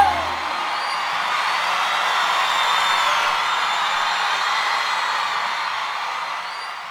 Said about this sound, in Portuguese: Eu quero uma salva de palmas, meu amigo.